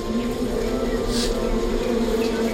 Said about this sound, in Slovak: Pokojne, včeličky. Nezlostite sa, veď som vás prišiel nakrmiť. Trochu vás dymom ofúkam.